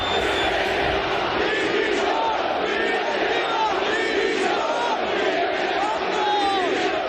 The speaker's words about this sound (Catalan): I l'afició del Mallorca va acabar molt indignada ahir amb crits de directiva dimissió.